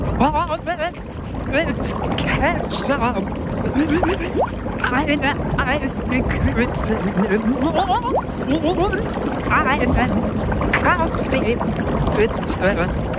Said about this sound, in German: Du meintest, du kannst erraten, was ich unter Wasser sage.